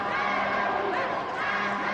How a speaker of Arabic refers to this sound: ضربة زاوية لملاوي. تشجيع في المدرجات